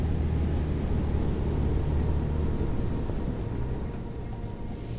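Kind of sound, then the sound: vehicle, car engine revving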